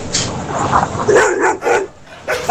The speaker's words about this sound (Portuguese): O que é essa cachorrada aí